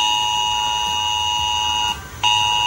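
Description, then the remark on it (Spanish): A loud, harsh emergency alert tone blares steadily from residents' mobile phones in Villanueva de las Cruces, Huelva, Spain, a town that had to be evacuated. It cuts out briefly near the end before resuming at full volume. No one speaks. “Hoy este sonido ha sonado en los teléfonos móviles de los vecinos de la localidad de Villanueva de las Cruces, que ha tenido que ser desalojada.”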